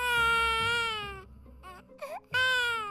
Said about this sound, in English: The tiger quietly walked closer. Then he heard a child crying.